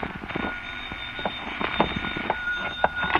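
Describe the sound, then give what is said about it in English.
A telephone rings with a bright, continuous metallic bell rattle that holds a shrill tone for a few seconds, fairly loud, with no one speaking over it. “And then the phone rang.”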